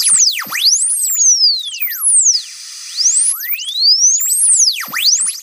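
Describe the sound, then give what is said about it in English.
Broadcast interference tones from foreign stations affecting a TV picture and sound: loud, overlapping electronic whistles sweep up and down in steady arcs, easing briefly into a hissy lull midway before the sweeping resumes. No one speaks. “Interference from foreign stations may be affecting your picture and sound.”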